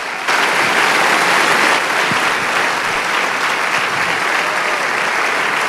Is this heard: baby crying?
no